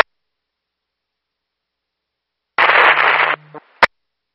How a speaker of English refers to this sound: That little bit of static was you.